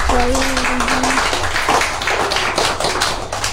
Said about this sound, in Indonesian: Kita boleh tepuk tangan dulu yuk.